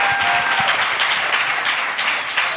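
Steady, dense applause from an audience for a contestant's correct answer in a football quiz fills the whole stretch, loud, with many overlapping claps forming a continuous roar and no voices on top.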